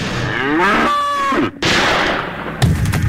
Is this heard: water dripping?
no